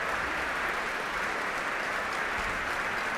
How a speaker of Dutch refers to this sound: En het hele orkest mag nu gaan staan. Om dit grote applaus in ontvangst te nemen. En Slobodenjuk en Sejong Jin Cho zijn weer op weg naar boven.